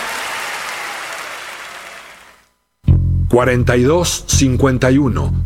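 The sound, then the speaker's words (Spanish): A steady wash of audience applause runs for about two seconds, then fades quickly into a brief silence before a loud voice begins. “favor, un aplauso.”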